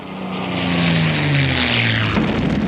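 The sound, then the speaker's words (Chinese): Several Japanese propeller warplanes drone loudly overhead above the city of Jinzhou, where they dropped 75 bombs, their engine pitch bending steadily downward as they pass in a continuous, rumbling roar with no voices. “这一天，日军飞机在锦州城投下了75枚炸弹。”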